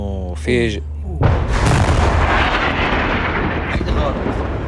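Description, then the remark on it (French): A brief voice is cut off by a sudden, loud artillery shell explosion that falls very close by at night in Nabatieh, with an orange light tearing through the dark. Its heavy blast gives way to a long, roaring rumble that slowly fades. “Une lumière orange déchire la nuit. Cette fois, c'est tombé tout près”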